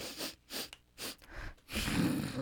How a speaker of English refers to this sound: Sorry, I just have to blow my nose. Okay, yeah, just turn away from the mic.